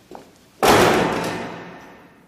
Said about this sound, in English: She storms out, shutting the front door behind her.